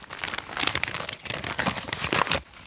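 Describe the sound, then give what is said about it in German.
Gritty, scuffing foley footsteps on plain asphalt, fairly loud, with a few heavier steps standing out from a continuous crunchy texture. No voices. “Hier haben wir jetzt einfach normalen Asphalt. Das klingt dann so.”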